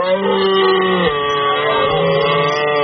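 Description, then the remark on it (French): A red deer stag bellows during the rut in a forest, as featured in season 2 of France Télévisions' slow TV programme Le Brame du Cerf. One long, loud, rasping roar with deep harmonics dips in pitch about a third of the way through and carries on without a break. No one speaks. “C'est le brame du cerf.”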